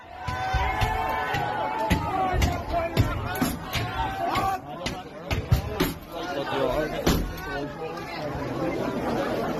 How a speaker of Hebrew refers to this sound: מה שאנחנו שומעים כאן זה את אותם מפגינים או מתפרעים, דופקים על דלתות, בועטים בהם, מנסים לפרוץ לתוך בתים